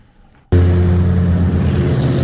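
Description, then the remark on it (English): After a brief quiet moment, a loud, steady humming drone from a data center along Loudoun County Parkway near Waxpool Road in Northern Virginia cuts in abruptly, with a deep tonal hum layered under a broad, even roar that holds without change. “You can't miss the loud drone driving along Loudoun County Parkway near Waxpool Road.”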